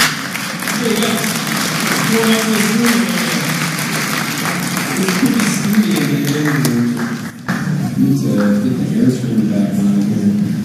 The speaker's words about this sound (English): Good evening, everybody. Welcome to the Spring Banner Festival. Would you give yourselves a round of applause for being here?